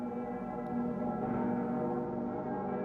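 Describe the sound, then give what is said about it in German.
A large bell of Cologne Cathedral hums and rings during the World Youth Day mass, with deep, layered overtones, its sustained resonance sounding steadily without a distinct new strike, and no voices present. “Bei der Messe zum Weltjugendtag dürfen die Stimmen der Glocke im Kölner Dom nicht fehlen.”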